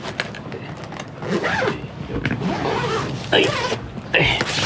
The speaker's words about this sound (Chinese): 好了，拉拉链吧。